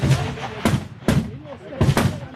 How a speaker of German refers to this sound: Und sofort wieder der Blick auf die Zielscheibe. Alle sind konzentriert hier im Schiessstand. Jeder Schuss zählt. Eindrücke vom 300-Meter-Schiessstand in Chur.